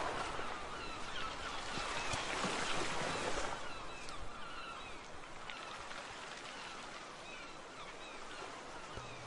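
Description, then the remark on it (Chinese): Ocean waves wash in a steady hiss, swelling louder in the first few seconds and then easing back to a softer, continuous rush of surf. No voices. “海水潮起潮落，声音忽大忽小，忽远忽近，像极了人生那些把握不住的人事物。”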